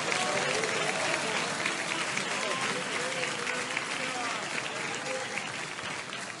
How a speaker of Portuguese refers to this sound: Mas está aqui o nosso pastor presidente, amém? Recebamos o servo de Deus com palmas para Jesus.